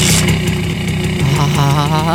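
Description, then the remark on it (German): A Simson S51 moped engine idles with a loud, steady, buzzing two-stroke putter, its low rumble holding continuously for about two seconds with a slight dip and lift in pitch partway through. “Herrlich, dieser Sound. Und jetzt stellen Sie sich vor, wie sie drauf sitzen und einfach davon zischen auf ihrer niegelnagelneuen Simson S51.”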